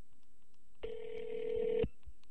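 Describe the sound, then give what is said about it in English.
A single steady telephone ringback tone from an outgoing call to a remote payphone in Alaska sounds for about a second, a clear mid-pitched hum heard through a phone line, then cuts off into quiet line noise. “It's ringing.”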